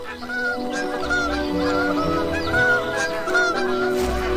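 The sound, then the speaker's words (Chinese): A bar-headed goose gives a string of low, short honking calls announcing the hatching of its chicks, repeated in quick bursts over several seconds with no voices present. “低沉而短促的鸣叫宣告着新生命的到来。”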